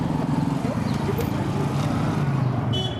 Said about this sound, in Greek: Ένα βασικό πράγμα που πρέπει να προσέξει εδώ πέρα στο κέντρο του Κατμαντού είναι τα μηχανάκια. Ούτε το νερό, ούτε το φαγητό. Πρώτα τα μηχανάκια. Γίνεται χαμός. Δεν σταματάει κανείς.